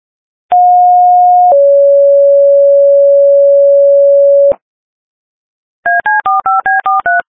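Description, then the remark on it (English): Last alarm tones sounded by St. Mary's County Emergency Services for past member Thomas Eugene Fairfax of the Ridge Volunteer Fire Department: a one-second steady tone shifts to a slightly lower tone held for about three seconds, then after a pause a quick run of short, clipped two-pitch beeps. No voices. “Mary's County Emergency Services, sounding the last alarm for past member Thomas Eugene Fairfax of the Ridge Volunteer Fire Department.”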